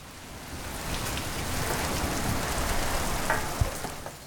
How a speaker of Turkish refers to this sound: Galler'de hep şöyle derler. Güzel havayı yanımızda getirmişiz. Şuna bak, arabanın içinde bekliyor. Sızıntı var mı diye bakıyor. Acayip bir yağmur.